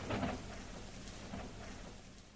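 Steady rain hisses throughout with a low, rolling rumble of thunder beneath it, swelling at the start and again briefly midway. No voices are heard.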